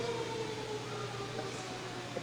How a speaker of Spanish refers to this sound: De nuevo. Sí se escuchará. Está sonando la sirena aquí. La tradicional sirena, ¿verdad?